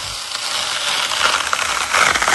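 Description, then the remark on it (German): A juicy watermelon being cut in an Instagram video, heard as a dense, crisp crackling and crunching with rapid small snaps and a wet hiss, steady and fairly loud throughout, with no talking. “Aber ey, da war gerade ein Video von so einer juicy Wassermelone. Hört mal den Sound.”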